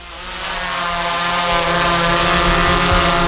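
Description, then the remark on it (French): A steady, high-pitched mechanical whir of drone propellers, swelling slightly at first and then holding a loud, continuous buzz with no one speaking. The drone is flying over painted churches in the Allier, inside and outside, to shoot videos and a film. “Ce bruit, c'est celui d'un drone, et plus particulièrement du drone qui est actuellement en train de survoler les églises peintes de l'Allier, à l'intérieur comme à l'extérieur.”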